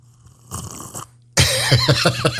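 Loud, wet slurping: a brief noisy suck, a short pause, then a longer, louder slurp with squeaky gliding whistles and bubbly pulses. No one speaks.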